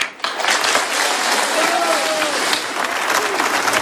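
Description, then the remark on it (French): A large crowd at a public tribute to Charlie in Concarneau applauds steadily and loudly after a speech, dense clapping with scattered cheers and whistles rising above it, sustained without pause from start to finish. “acclamés par la foule tout à l'heure en préambule de cet hommage populaire à Charlie à Concarneau.”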